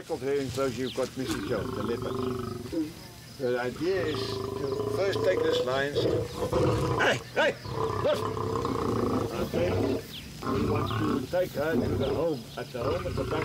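Three lions in an enclosure roar and growl aggressively at the fence at feeding time, loud deep rumbling calls that rise and fall in a nearly continuous series of overlapping snarls with brief pauses between bursts.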